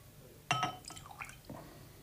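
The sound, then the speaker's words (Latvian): A mixed drink being poured: a sharp glassy clink, then brief gurgling, trickling liquid sounds and a softer second knock, all fairly quiet with no talking. “Sajaukš mums kaut ko dzeramienu.”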